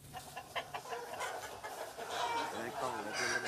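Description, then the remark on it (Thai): A fighting rooster crows amid clucking chickens, fairly loud, at a farm in Roi Et province, Thailand, that also keeps breeding cattle and show buffalo, set against a busy farmyard background that grows fuller toward the end. “มุมมองจากภายนอกที่นี่อาจจะเหมือนฟาร์มทั่วไปที่มีทั้งไก่ชนวัวพันธุ์และควายประกวด”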